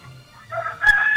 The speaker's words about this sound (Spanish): Nomás se oye cantar el gallo, señor productor. Es lo que se oyó ahí.